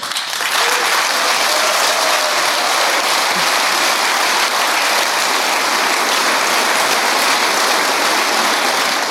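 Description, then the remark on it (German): Steady, dense applause from many hands fills the whole clip, a loud, even crackle of clapping with no voices standing out. The applause comes from the SPD front row at a DGB assembly in Germany, during a speech by Fahimi. “Ja, der wird also geklatscht von der ersten Reihe der SPD hier in der ersten Reihe beim DGB-Versammlung.”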